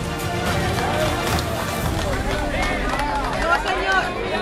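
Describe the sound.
A crowd applauds steadily and loudly, with many voices calling and cheering over the clapping in a dense, continuous outdoor hubbub.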